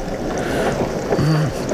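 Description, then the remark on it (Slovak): Steady rain hisses outdoors in a dense, continuous wash of noise, fairly loud, with a brief low hum partway through and no voices. “Ešte aj s tým dažďom.”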